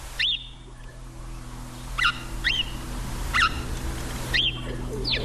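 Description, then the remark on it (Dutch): A house sparrow chirps in short, sharp bursts, about six chirps spaced irregularly over a few seconds, set against a steady low rumble like traffic. “Over de huismus gesproken, ja, dreigt dus met uitsterven, maar ja, het is toch wel het geluid wat we vaak horen.”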